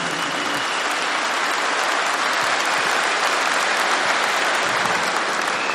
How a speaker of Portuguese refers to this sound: Vamos aplaudir os casais e as famílias.